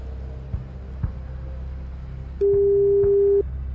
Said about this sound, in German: Und ich habe jetzt hier eine neue Telefonnummer, die auch schon bimmelt.